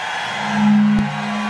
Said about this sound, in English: All right, somebody, 803, somebody bought a truck horn. Well, these folks in Cincinnati off the chain.